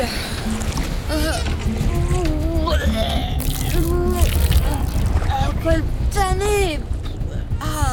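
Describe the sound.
Rough, agitated water surges and churns steadily around wooden war galleys (liburnae) rocking at sea during a naval battle, a loud continuous wash with voices calling out over it.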